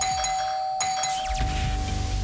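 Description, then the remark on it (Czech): A doorbell chime rings out clearly, a bright ding-dong with a few sustained electronic tones, followed by a fuller low-pitched swell as the chime fades. It is the Hitrádio radio contest doorbell chime, played on air. No one speaks. “čekat na náš soutěžní zvonek, který bude znít takhle.”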